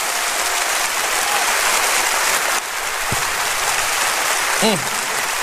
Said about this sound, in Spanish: ¡Oh, dele un aplauso fuerte, que Él se lo merece!